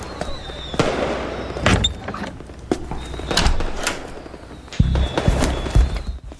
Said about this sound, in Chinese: 什么声音？ 哎呀，外面放鞭炮，不用管他